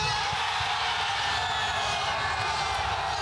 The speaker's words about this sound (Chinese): 随后，吉奥雷纳创纪录的第4个美国队进球，让全场观众陷入狂喜之中。